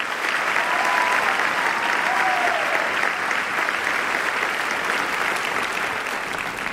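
Sustained audience applause for a windowsill as the last curtain falls, a dense, steady wash of many hands clapping at an even volume for several seconds, with faint cheering or voices mixed into the crowd.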